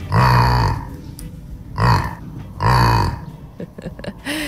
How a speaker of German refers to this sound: Anna Seidel aus Ebstorfer Grund-Rosbach hat uns dieses niedliche Grunzen hier von ihrem Jack Lissy geschickt.